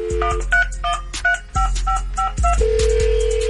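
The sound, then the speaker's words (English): A quick run of telephone keypad beeps as a call is placed to a radio listener's phone gives way to a steady ringing tone on the line, with a deep thumping beat underneath and no one talking. “If you out there listening, your phone about to ring.”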